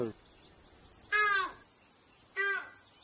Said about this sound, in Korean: 그래서 지금 계속 지금 이 따오기가 왔다 갔다 하고 있는 거죠? 네, 주변에서 이제 따옥따옥 울면서 계속 날고 있는 거예요.